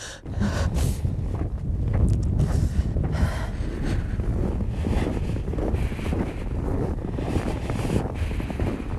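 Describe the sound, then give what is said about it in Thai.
Strong cold wind blowing off a glacier roars steadily across the microphone, a dense low buffeting rumble with gusty surges throughout, loud, with no voices present. Open ground surrounded by valleys, about -9 degrees, on a sunny day. “โอ้ยกังหันหมุนติ้วติ้วติ้วติ้วเลยแล้วทิศทางลมเนี่ยมาจากเกลเชอร์พัดเข้ามาเข้าหาตัวเราเนี่ยไม่น่าล่ะทำไมตรงนี้ถึงหนาวจังนอกจากมีไอเย็นและลมยังแรงด้วย”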